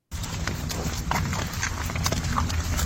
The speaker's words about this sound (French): Là, on entend quoi? On entend des pas. On entend des pas et même c'est pas de bœuf.